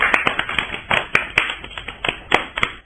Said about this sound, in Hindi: बहुत प्यारी कविता सुनाई आपने, बच्चों इनके लिए भी तालियां बजाइए।